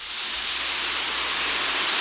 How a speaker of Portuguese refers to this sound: Pode até parecer barulho de chuva, mas se chama desperdício. Um chuveiro ligado gasta, em média, 12 litros de água por minuto. Por isso, na hora do banho, seja prudente. 5 minutos são suficientes para sair com a consciência limpa.